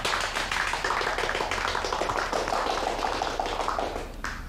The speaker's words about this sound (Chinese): 大家鼓掌欢迎。